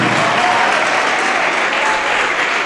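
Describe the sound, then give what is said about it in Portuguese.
A church audience applauds steadily as more people come forward, a dense, even wash of many hands clapping at a loud, constant level throughout, with no voices rising above it. “Tá chegando mais, vamos aplaudir.”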